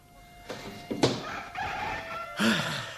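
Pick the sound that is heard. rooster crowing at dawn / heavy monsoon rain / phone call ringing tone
rooster crowing at dawn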